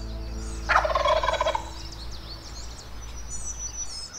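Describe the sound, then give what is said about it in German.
A wild turkey lets out a single loud, rapid gobble lasting under a second in a forest near a clearing at Cates Cove, followed by quieter bird chirps and a steady outdoor hum in the background. “Einst Jagdgrund der Cherokee-Indianer, später Siedlungsgebiet weißer Farmer, heute Lebensraum der wilden Truthühner.”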